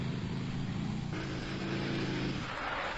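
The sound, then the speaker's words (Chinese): A car engine drones steadily as the vehicle drives at night toward the Meixing restaurant, a continuous motor hum with a slight change in pitch partway through and no voices. “独自开着汽车向美星酒家驶去。”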